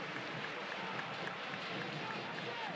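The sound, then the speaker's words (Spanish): A stadium crowd at a football match roars in a steady, dense ovation for the departing captain Lescano, the number 10, a loud unbroken wash of cheering and chanting of "olé, olé, olé" with no single voice standing out. “Ovación absoluta para el 10.”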